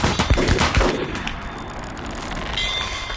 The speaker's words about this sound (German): Anlegen. In die Wolken. Und Schuss.